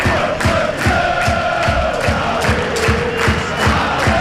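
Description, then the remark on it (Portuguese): A large crowd of FC Porto football fans at the Estádio Municipal do Fontelo chants together, celebrating with the Porto players led by Diogo Costa, loud and steady, with sustained voices riding over a quick rhythmic pulse of stamping or clapping that repeats throughout. “Este é o grito que se ouve.”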